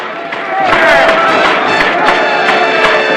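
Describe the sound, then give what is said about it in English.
A large crowd roars and cheers with enthusiasm at the nomination of Ransom Stoddard to Congress, a dense, steady wall of many overlapping voices with scattered shouts and sharp claps rising out of the din for the whole stretch. “Starbuckle raises his hand towards the chairman and clamors to be heard above the noise of the crowd.”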